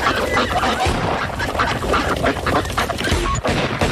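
A dense, continuous chorus of many ducks quacking at a pond, overlapping calls filling the whole stretch with a busy, loud, irregular rhythm and no talking.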